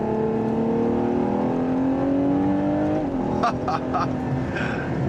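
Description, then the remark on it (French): A Ferrari sports car engine with 725 horsepower and 716 Nm of torque revs hard, its pitch climbing steadily toward 8,000 rpm for a few seconds before a quick gear change of its rear-mounted 8-speed automatic gearbox drops it, then it keeps roaring loudly. “Ça monte jusqu'à 8000 tours minute, 725 chevaux et 716 Nm de couple.”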